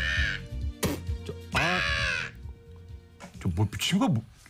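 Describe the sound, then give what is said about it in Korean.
A crow perched on a utility pole caws several times in harsh, drawn-out calls, loud, from a distance, with a brief pause between the bursts and voice-like sounds mixed in. “전봇대 위에 앉은 까마귀는 저를 멀리서 내려다보면서 침을 뱉듯이 조롱하며 울더군요.”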